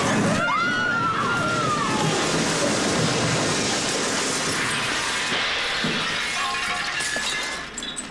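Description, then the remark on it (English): A loud, sustained crash of shattering glass and clattering debris as something carrying two people, out of control, slams down, with a brief metallic squeal near the start, continuing densely for several seconds before tapering off. “Yeah, but they're slamming, slamming to the green now. Don't break all the glass!”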